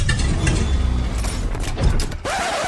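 A car engine sputters and coughs unevenly with mechanical rattling, then cuts out abruptly near the end, leaving only a steady hum. No one speaks.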